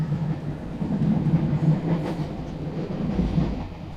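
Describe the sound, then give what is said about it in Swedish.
A train to Stockholm rolls steadily along the rails, its low rumble constant, with faint rhythmic clatter of wheels on track joints throughout and no one speaking. “Och jag sätter mig på tåget till Stockholm för att ta reda på mer.”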